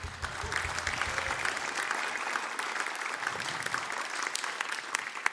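A crowd applauds steadily, dense clapping sustained throughout at an even level, with a few brighter individual claps standing out; no one speaks over it.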